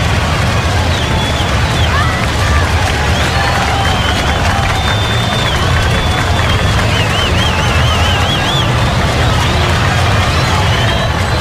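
A crowd applauds and cheers steadily for about eleven seconds for a birthday, a dense, unbroken wash of clapping with high, wavering whistle-like tones rising above it now and then.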